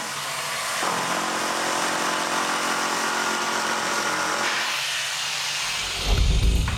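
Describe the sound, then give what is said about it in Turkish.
A power saw runs steadily, its harsh buzzing whine changing pitch as it bites through material, then a deeper rumble near the end as the cut finishes. “Ama bak testereyi ne hale getirdin.”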